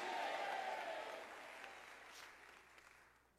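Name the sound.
audience applause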